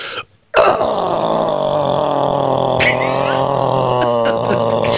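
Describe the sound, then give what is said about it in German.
A man's voice lets out a long, low, guttural growl, rough and sustained for several seconds after a brief pause, imitating a metal-style growl, with a raspy strained edge toward the end, performed by a caller hoping to attend a concert. “Mein Grollen geht so.”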